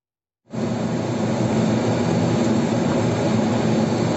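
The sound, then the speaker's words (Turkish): After a brief silence, a loud, steady engine roar kicks in and holds: a motorcycle speeding through traffic, its speedometer reaching 177 km/h, with heavy wind rush, in the İskenderun district of Hatay. No one speaks. “Araçların arasından hızla geçen motosiklet sürücüsünün hız göstergesinin 177 km hıza ulaştığı anlar”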